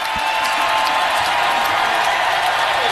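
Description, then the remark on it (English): A large indoor crowd at F&M Bank Arena roars and cheers at full volume during a football game, on fourth down with the Cats down by three, a dense, sustained wall of noise with scattered shouts and clapping, loud and steady throughout. “Crowd at full throat here at F&M Bank Arena.”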